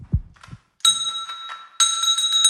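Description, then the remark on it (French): A small bell hanging on a string is struck twice by a dog's paw, each tap giving a bright, clear ring that lingers, preceded by a soft low bump; fairly loud, with no talking. “Et je vous jure que c'est réalisé sans trucage, avec sa petite patoune, elle a mis un petit coup dans la cloche.”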